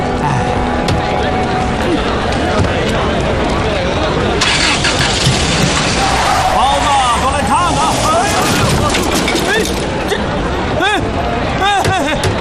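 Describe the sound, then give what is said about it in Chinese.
A car engine turns over and revs, then the vehicle drives off, its engine droning steadily amid a busy background of crowd chatter and street noise. “你怎么开的车啊，老总？”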